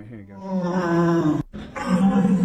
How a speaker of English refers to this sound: All right, here you go. It sounds like a bear. It's like you after eating a fritter. That's a deer.